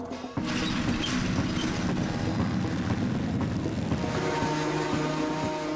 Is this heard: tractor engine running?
yes